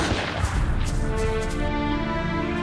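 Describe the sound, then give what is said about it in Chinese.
Gunfire crackles and rumbles up ahead in a dense, steady clatter, with a sustained tonal hum underneath and no voices. “姐，前面有枪声，应该是我们的人跟鬼子交上手了，我们快走吧。”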